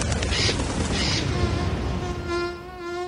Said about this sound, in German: Nicht ganz so laut wie eine Drohne, aber trotzdem nervig. Mücken.